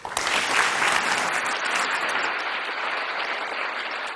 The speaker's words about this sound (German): Wir wünschen allen noch einen schönen Abend und bedanken uns vor allem bei den Expertinnen und Experten auf dem Podium hier. Danke, dass Sie Ihre Einsicht mit uns geteilt haben. Das ist Ihr Applaus.